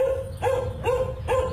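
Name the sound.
dogs barking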